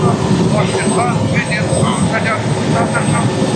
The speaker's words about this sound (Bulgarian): Пожара се намира 7 км южно от Катуница. Разпределят се и задачите. Кой ще следи за височината, кой ще координира летенето с наземните екипи, кой ще спуска водата. Хеликоптера се доближава до пожара.